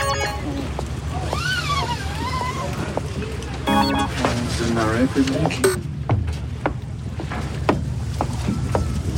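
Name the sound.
boat on the water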